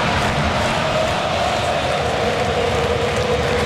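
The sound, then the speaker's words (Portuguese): A huge crowd of Argentina football fans chanting together at AT&T Stadium in Dallas during a World Cup match against Austria, a dense, steady roar of many voices that stays loud and unbroken throughout. “Ouça a torcida da Argentina.”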